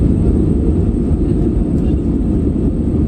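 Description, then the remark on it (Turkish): A steady, heavy low-frequency drone fills the whole stretch, like jet engine noise heard from inside the cabin of a plane that took off from Ercan Airport, constant and loud without breaks. “Gemi faciası Ercan Havalimanı'ndan havalanan bir uçakta bulunan yolcu tarafından da görüntülendi.”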